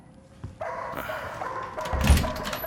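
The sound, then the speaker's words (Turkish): A dog barks a few times in quick, uneven bursts, with the loudest bark coming near the end over a steady background hiss. “Kes sesini! Aptal, aptal köpek!”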